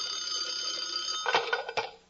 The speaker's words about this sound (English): Suddenly, the phone rang.